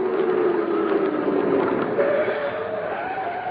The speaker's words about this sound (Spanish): Ya vienen por mí. Eso tenía que ser. Ese auto que se detuvo afuera tiene que ser una patrulla. Vienen a detenerme.